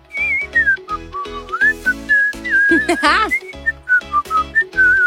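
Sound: whistled melody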